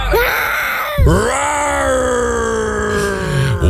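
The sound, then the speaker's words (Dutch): A person imitates a lion's roar in a submitted recording, with two long, strained vocal bellows, the first short and rising, the second sustained and gradually falling in pitch, loud and raspy with no talking. “Nou, dit zijn een paar brullen die binnen zijn gekomen.”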